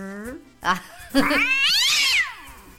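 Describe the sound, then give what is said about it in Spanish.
A voice imitates a blood pressure cuff squeezing the arm: a couple of short vocal bursts, then a long, squeaky, whining tone that rises and falls, fairly loud. “Tengo un aparatito que me aprieta el brazo y me hace...”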